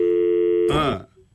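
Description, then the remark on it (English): A steady electronic telephone tone hums loud for under a second while dialing out a call, then a short harsh burst of noise cuts it off and the line falls nearly silent; no outbound lines were available for the call. “So let's see if we can get him on the phone.”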